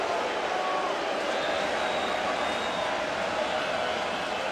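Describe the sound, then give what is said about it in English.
A large stadium crowd boos Brewers batter Contreras in the seventh inning of a baseball game, a dense, steady wall of voices that holds at an even level for several seconds without breaking or fading. “And he is getting booed.”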